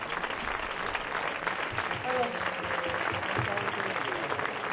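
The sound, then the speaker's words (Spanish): Sustained audience applause fills the room, a dense steady clatter of many hands clapping at once, with a murmur of voices mixed in beneath it. “Bueno, antes que nada, un fuerte aplauso para este pedazo de cuadro que no se puede aguantar.”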